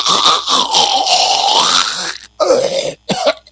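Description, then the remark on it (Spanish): A person imitates snoring with a loud, rough, rattling inhaled snort that drags on for about two seconds, followed by a couple of shorter guttural snorts separated by brief pauses. “Entonces ya tienen ahí todos mis sonidos de mis roncadas simuladas, que probablemente mi mujer escuche las mismas en la noche.”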